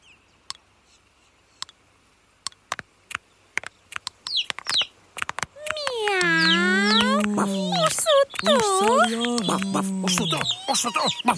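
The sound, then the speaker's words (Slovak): Sharp clicks and short chirps give way to voices mimicking hens in a yard, saying 'kuj, kuj', a steady run of warbling, bobbing clucks, several layered together and fairly loud. “Áno, áno, kuj, kuj, zvedavé sme.”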